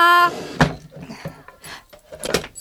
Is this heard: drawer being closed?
yes